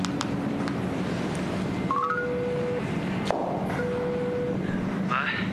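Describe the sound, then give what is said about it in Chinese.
A few quick electronic keypad beeps rise in pitch as a telephone is dialed in a hospital to ask when others will arrive, followed by long steady ringing tones on the line, over a constant low background hum. “医生，我打电话问一下他们几个什么时候能到。”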